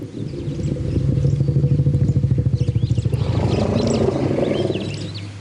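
A deep, pulsing elephant rumble as one elephant calls another by its name, low and throbbing, then shifts into a rougher, louder growling tone, with faint bird chirps scattered above throughout.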